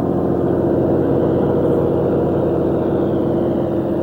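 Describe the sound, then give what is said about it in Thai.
A just-started fishing boat engine drones steadily and loudly, a continuous low rumble with an even, throbbing texture that holds at the same level throughout, with no voices, as the boat sets out from the shore to catch shrimp and fish at sea. “แม้ว่าจะได้ติดเครื่องยนต์แล้วเรือประมงจึงต้องแล่นออกจากชายฝั่งตั้งแต่6โมงเย็นเพื่อจับกุ้งและปลาในท้องทะเล”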